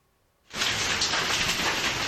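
Heavy hail suddenly begins pelting down in Paterna del Madera, Albacete, on a Sunday of storms, a dense, loud, steady roar of countless rapid impacts that starts abruptly after a brief quiet moment and continues without pause.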